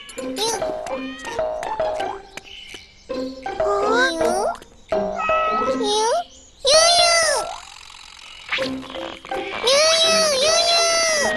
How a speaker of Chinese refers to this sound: 你听到了吗？是小猫的叫声。我们快去找找小猫在哪里吧。